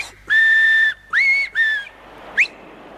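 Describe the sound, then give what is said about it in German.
Three loud, shrill finger whistles: a long steady blast, then two shorter ones in quick succession, followed by a brief rising chirp. No one speaks. “Zeit, auf den Finger zu pfeifen. Dreimal. So.”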